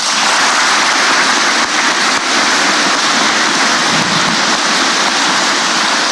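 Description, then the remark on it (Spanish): A crowd applauds steadily for about six seconds for Bertomeu, the commissioner sent by the Pope, a dense, loud wash of many hands clapping with no individual claps standing out and no voices over it. “Aquí lo tenemos también, un aplauso para él.”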